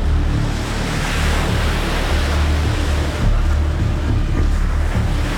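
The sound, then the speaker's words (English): A tidal bore wave approaches up the river, visible as a white line on the water, as a steady, continuous roar of rushing water, with a deep low rumble and gusty wind buffeting the microphone throughout. “So that's like a sign the boar is coming. Now I can see it clearly.”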